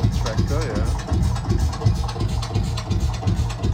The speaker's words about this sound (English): So that's the Lance Bulldog. The tractor.